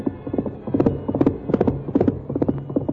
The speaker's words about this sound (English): In spite of the rough ground where a misstep would have meant death for both horse and rider, Silver's hoofs beat out a savage tattoo.